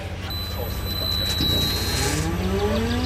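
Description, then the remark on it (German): Battery-electric 40-tonne heavy truck motor whining steadily at the Koch International logistics depot in Osnabrück, with rising tonal sweeps climbing in pitch over a low, pulsing hum; a thin high whine holds throughout at a fairly even, moderate loudness. “So klingt er, der Motorsound eines batteriebetriebenen 40-Tonners.”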